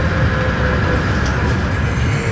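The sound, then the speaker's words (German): A bus pulls up and stops at a large semicircular square beside the Gilman House in Innsmouth, its engine giving off a loud, steady rumble with a constant mechanical hum throughout and no voices. “Der Bus hielt.”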